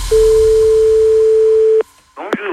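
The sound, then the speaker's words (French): A single loud, steady telephone beep holds one mid-pitched tone for nearly two seconds, then cuts off; after a short pause, a person briefly starts talking. “Le bip sonore.”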